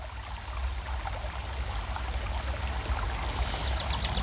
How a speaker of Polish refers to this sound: Ciekawe, czy Olek słyszy rzekę Dunajec naszą. Chyba słyszy, bo my cały czas tutaj na rzece jesteśmy. Chyba, że Dunajec Olka zagłusza.